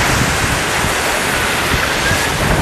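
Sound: wind and surf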